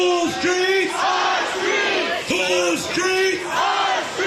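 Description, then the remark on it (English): A large crowd of protesters gathered at a site at night shouts in loud, rhythmic unison, voices rising and falling in repeated chant-like bursts roughly every second, with no single speaker standing out. “That night, protesters gathered at the site.”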